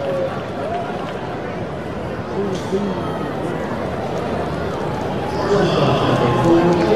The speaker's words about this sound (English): It's a double for Cole Young. Now you can hear his cheering section.